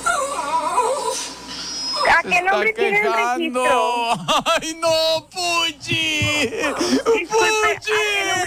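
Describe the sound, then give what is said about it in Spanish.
A small dog named Puchi whimpers continuously, a string of high-pitched, wavering whines and short yips that rise and fall over several seconds, fairly loud and insistent. “Mira, se sigue quejando el perrito Puchi.”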